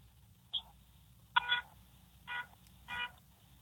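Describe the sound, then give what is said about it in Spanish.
A car horn honks four times: one quick short beep, then three longer blasts at a steady, uneven pace. The horn sounds thin and fairly weak over a low background rumble, with no talking. “Toca el pito otra vez.”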